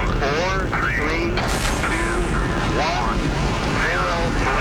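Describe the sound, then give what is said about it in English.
A loud, steady rocket engine rumble roars continuously at main engine start, a dense wall of noise filling the whole moment, with voices speaking over it. “We have a go for main engine start. We have main engine start.”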